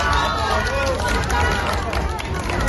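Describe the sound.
A dense, loud crowd roars throughout, with clapping and many overlapping voices calling and cheering, forming a steady wall of noise that never lets up, as the Princess of Asturias arrives at the Faculty of Legal Sciences of Carlos III University in Madrid.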